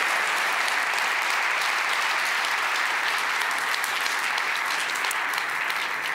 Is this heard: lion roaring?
no